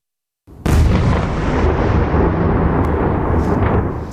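A powerful explosion from Russian missile and drone strikes erupts overnight over Kyiv, Ukraine, after a brief silence, its deep boom rolling into a long, loud rumble that keeps echoing and fading slowly across the open city.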